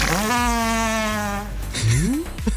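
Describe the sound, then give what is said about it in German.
A loud fart, recorded out in the cold, with a long, steady buzzing tone that breaks off, followed by a short squeaky upward-sliding blurt near the end. No voices are heard. “Und um diesen Pups einzufangen, ihr habt richtig gehört, musste er in die Kälte reisen.”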